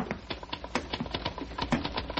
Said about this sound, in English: He really is working, isn't he? I mean, I hear him. His typewriter.